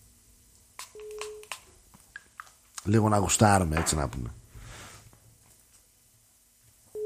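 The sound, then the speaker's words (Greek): A telephone ringback tone sounds once as a call is placed, a short steady hum heard through the line, followed by a few faint electronic blips and then a man speaking over it. “Μήπως ήρθε η ώρα να καλέσουμε τον άνθρωπο να βγούμε λίγο, έτσι που τελειώνει και η πρώτη ώρα, σιγά σιγά να συζητήσουμε λίγο κάποια πράγματα.”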